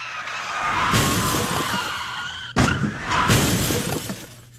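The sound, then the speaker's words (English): During a police chase, a car skids with screeching tires, then crashes loudly with shattering debris, followed by a second burst of skidding and crunching impact, all noisy without any voices; a car and six police cruisers are totaled. “You totaled a car and the 6 police cruisers, which is better than last month's incident.”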